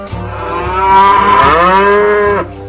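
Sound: cow mooing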